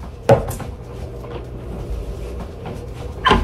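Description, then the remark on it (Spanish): A closet door swings open by itself with a sharp wooden knock near the start, followed by creaky rustling and a second thump at the end, with no one speaking. “Se abre la puerta sola de un closet.”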